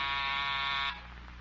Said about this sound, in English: I want to check this door buzzer. Huh? Testing.